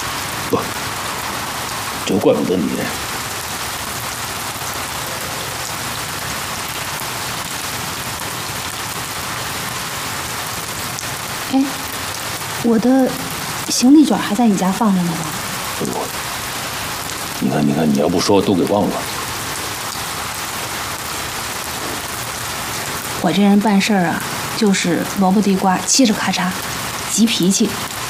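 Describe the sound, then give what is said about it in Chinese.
Steady rain hisses continuously throughout, an even downpour, while short bursts of voices break through it now and then. “我想起第一次去你家的时候，那天也是下雨，那天把你弄得挺狼狈的。”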